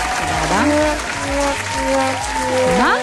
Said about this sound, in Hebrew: תודה רבה על ההקדמה, אבל אני אשמח למחיאות כפיים.